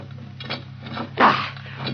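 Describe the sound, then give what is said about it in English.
A heavy door is pried up by one man with an iron lever, just enough to slide through. It gives a series of rough scraping, grinding strains, the loudest lurch coming in the middle, all over a steady low hum. “Even with an iron lever, it's too much for one man to open all the way.”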